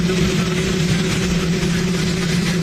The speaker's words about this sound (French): Vous n'avez rien entendu. Bien, c'est normal, sans les micros du pool télévisé, les mots du président sont allés se perdre dans le grondement de son hélicoptère.